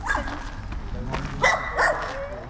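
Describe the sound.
A dog gives a few short, sharp barks, one near the start and two more close together later. It is heard outdoors in the centre of Jihlava, at a newly installed dog urinal, over steady street noise and faint background voices.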